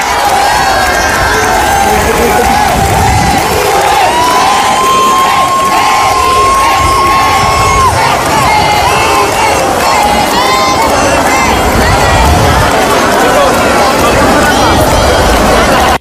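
A dense outdoor crowd in the streets of Melilla cheers and shouts nonstop along the route of the Plaza de España, with chanted calls of "Felipe" and "Leticia" and shrill high-pitched screams rising above the roar, and a long whistle-like tone cutting through for a few seconds midway.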